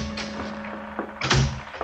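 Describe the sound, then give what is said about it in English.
A few raps on a wooden cabin door on a ship at 10 o'clock at night, irregularly spaced, with one louder, fuller knock near the end, all over a low steady hum. “At 10 o'clock that night, there was a rap on my cabin door.”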